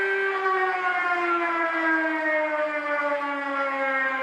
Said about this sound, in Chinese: 上午10点，防空警报示鸣正式开始，按照预先警报、空袭警报、解除警报顺序依次鸣响，每轮警报间隔7分钟。